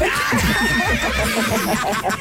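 A horse whinnies loudly, one long quavering neigh with a shrill, wavering pitch lasting about two seconds, with no voices.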